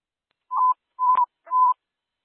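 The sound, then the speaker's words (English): Three short dispatch alert tones for EMS 1 to a structure fire at 2525 Stratford Drive, Sarasota Springs, sound in a steady rhythm, each a clear, mid-pitched electronic beep of equal length. The middle tone carries a brief click, and no voices are heard. “Tones, EMS 1, structure fire, Sarasota Springs, 2525 Stratford Drive, 2525 Stratford Drive”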